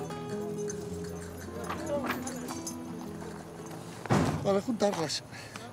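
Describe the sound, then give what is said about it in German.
Hooves of wild horses being rounded up by drivers into a corral, a catch pen in a valley, drumming in a loose, uneven rhythm beneath a steady voice, with a louder burst of thudding hoofbeats near the end. “Da müssen alle wilden Pferde heute rein.”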